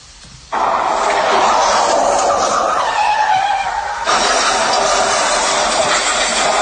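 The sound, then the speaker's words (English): A voice imitates a car crash with skidding: a loud, harsh, hissing screech bursts in suddenly and holds for several seconds, briefly dips, then surges again, without other talk. “I just did a car crash.”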